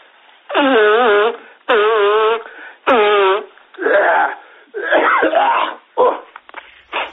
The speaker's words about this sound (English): All right, hold on a minute, man. Just let me blow my nose, yeah?